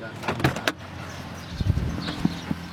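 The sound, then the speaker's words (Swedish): Metal doors fitted with heavy padlocks, on a casino or other building raided by police, rattled and tugged by hand, giving several sharp clanks and knocks at uneven intervals, with faint background noise between the jolts. “När jag står och känner på de låsta dörrarna kommer en vakt fram.”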